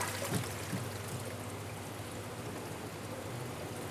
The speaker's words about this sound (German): Langsam das Wasser reinkippen, sonst läuft das Becken über.